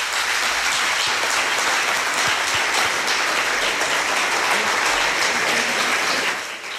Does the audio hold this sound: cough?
no